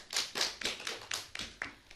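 Steady, rhythmic applause for a poem just recited by a child: about nine crisp, bright claps in an even beat over two seconds, fairly loud, with no voices.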